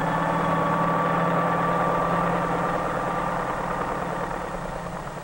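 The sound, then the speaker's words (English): A helicopter engine drones steadily with a low, rhythmic chop and a whining hum above it, loud throughout, easing slightly toward the end, as a mail-carrying helicopter flies over city traffic to land on the roof of a post office. No voices. “Flying over city traffic, the helicopter can land directly on the roof of the post office itself, in a fraction of the time needed by mail trucks, thus greatly speeding the delivery of mail.”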